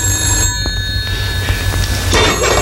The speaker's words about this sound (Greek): Πάρε το τηλέφωνο, ρε.